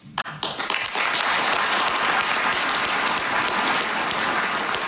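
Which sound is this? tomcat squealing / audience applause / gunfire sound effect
audience applause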